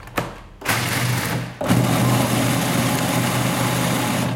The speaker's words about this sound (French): C'est 150 grammes qu'on met dans son mixeur. Et on va faire un premier tour de mix pour les réduire en poudre.